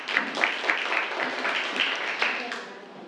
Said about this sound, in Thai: ปรบมือให้เพื่อนด้วยครับ